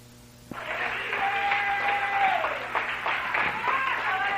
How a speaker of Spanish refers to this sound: denle un aplauso.